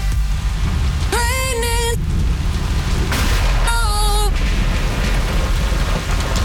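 Steady rain hisses throughout with a deep, rumbling low end like thunder, while two short high-pitched tonal swells, musical or voice-like, rise above the downpour.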